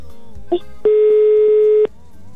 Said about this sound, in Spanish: Va, ya está sonando, Jackie, el teléfono de tu esposo